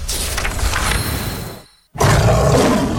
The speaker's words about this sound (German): Der Schwarze Löwe brüllt wieder.